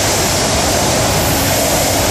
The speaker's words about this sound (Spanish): Mucho viento, pero también mucha agua. 84 litros por metro cuadrado se medían en Barcheta, 72 en Carcaisén.